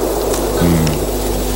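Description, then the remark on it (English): Retro analog synthesized ocean noise: a steady, loud wash of hissing filtered noise with no breaks, and a low droning tone rising underneath about halfway through. No one speaks. “What about some retro analog synthesized ocean noises to calm us?”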